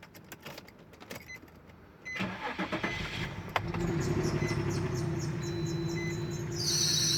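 A car engine cranks and catches with clicking and whirring, then settles into a steady, slightly rough running drone with an odd whine on top, with no talking.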